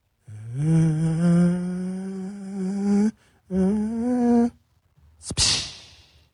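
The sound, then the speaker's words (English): A voice imitates a distant airplane as heard on a home surveillance camera recording, with a long, buzzing hum that slowly climbs in pitch, breaks off briefly, resumes, then gives way to a sharp, hissy burst of noise. “I'm going to do my best impression of what you can hear from that somebody's home surveillance camera.”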